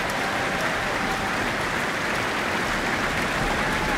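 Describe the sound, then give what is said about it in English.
Sustained applause from a large audience at the close of an Auckland Philharmonia concert of all Spanish music conducted by Pablo González, a dense, steady wash of many hands clapping at an even, fairly loud level throughout, with no voices standing out. “Pablo González, with his hands open to the audience, receiving their warm applause.”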